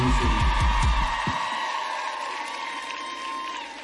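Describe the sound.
An audience claps and cheers for a performer who has just been introduced, a dense, steady wash of noise, with a loud low voice whooping over it for the first second before the applause carries on alone.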